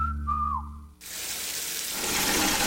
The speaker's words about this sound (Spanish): Hoy sí puse una cubeta mientras salía el agua caliente para utilizarla después y me bañé en menos de 5 minutos.